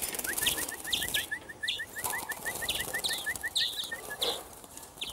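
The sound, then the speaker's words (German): A rapid, steady trill of short chirps runs for several seconds while higher twittering calls from three greenfinches at a feeder, two females and a male, break in every half second or so, over a soft outdoor hiss. “Also man sieht jetzt eigentlich schon hier bei den drei Grünlingen, so wie ich das sehe, sind es hier zwei Weibchen.”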